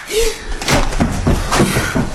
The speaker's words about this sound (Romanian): Am auzit o împușcătură. Nu, idiotule. De data asta a fost o palmă.